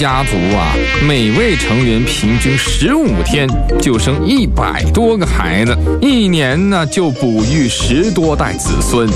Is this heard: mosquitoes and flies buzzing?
yes